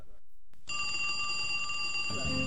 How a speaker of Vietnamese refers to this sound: Chuông điện thoại reo, vợ nhấc máy.